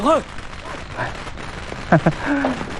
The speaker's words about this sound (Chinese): 太君，不用惊慌，不用惊慌。这是邢队长给老太太祝寿燃放的鞭炮、烟花。